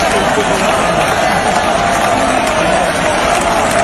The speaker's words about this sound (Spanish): Sí, vamos a escuchar la ovación de la gente.